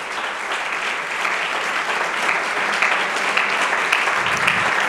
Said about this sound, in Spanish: Si Él es el Señor de vivos y muertos, si Él es el Todopoderoso, si Él es el Señor, dele ese aplauso fuerte al Señor esta mañana.